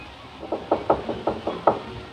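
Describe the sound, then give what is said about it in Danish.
Seven quick, evenly spaced knocks on a wooden door, moderately loud, with a hollow thud to each rap and no voices around them: a woman knocking on the door again. “Og de er midt i at kysse, så de hører ikke, hun banker igen.”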